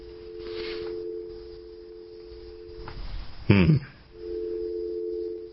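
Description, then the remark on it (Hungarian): A steady electronic telephone tone hums on the line for a few seconds as a phone number is dialed in the morning, breaks off for a short clattering burst, then returns at the same level. No one speaks. “Azért még egyszer ellenőrzöm a számot, hogy nehogy valakit fölhívjak így reggel, mint a rádióból való telefonbezárkodás.”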